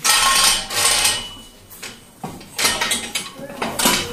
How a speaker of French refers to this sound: Je vais faire la manipulation. Alors, c'est très... Il va falloir essayer d'imaginer. On a donc un système qui nous permet de descendre une colonne... Sur toi. On va avoir une colonne qui descend.